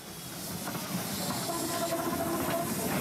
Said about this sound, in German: Mit dieser Pionierlok verlassen wir England, das Dampfeisenbahnland schlechthin.